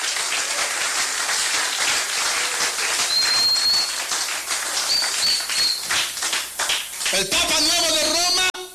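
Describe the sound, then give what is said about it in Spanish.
A crowd claps for Christ steadily and loudly for several seconds, a dense wash of hand claps with a few brief whistles, before a raised voice cuts in near the end. “Dele palmas a Cristo.”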